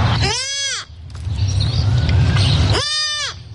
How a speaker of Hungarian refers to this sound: A főben lapulva hívja anyukáját egy újszülött őzgida.